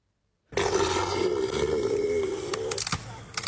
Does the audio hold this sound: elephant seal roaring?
yes